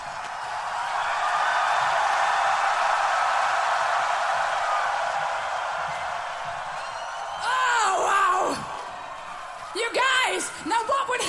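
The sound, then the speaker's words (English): A large crowd screams loudly in a sustained roar, then individual high-pitched shrieks and whoops rise above it near the end. “If I count to three, and on three you would scream even louder.”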